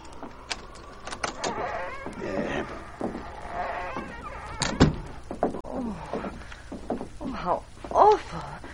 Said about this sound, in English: Oh, it needs repairing. I'll unlock the door.